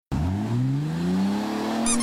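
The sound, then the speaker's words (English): A car tire squeals in a radio advertisement for Brown Dobb Dodge Chrysler Jeep Ram in Bath, over about two seconds, a steady loud tone rising gradually in pitch, with a brief sharper high screech near the end. No one speaks. “Around here, when you hear the squeak, you know you found the best deal.”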